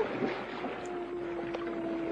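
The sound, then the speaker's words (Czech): A penguin calling in one long, steady, droning note held for a couple of seconds, moderately loud against a rushing, breezy outdoor background. “Je to albatros nebo tučňák. Ty umějí volat.”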